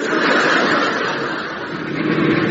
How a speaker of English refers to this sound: Ah, look. There's a car coming along.